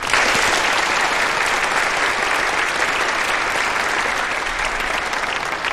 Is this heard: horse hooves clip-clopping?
no